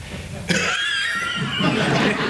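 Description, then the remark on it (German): A man coughs in a rough, raspy fit that starts abruptly and keeps going for a couple of seconds, fairly loud, with no talking over it: the servant Rudolf in a stage comedy, coughing his way through his job. “Rudolf hustet sich durch den Job.”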